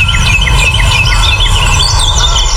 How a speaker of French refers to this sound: Et voilà, on entend les petits oiseaux et on kiffe son moment.